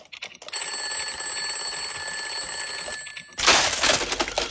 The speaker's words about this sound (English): Did you just break the alarm? I just broke the alarm. That'll free me up over the next couple of weeks to do a little more of this. Although, that's not a recording of me. I'm not that loud, I don't think. It was a very old school alarm, that one.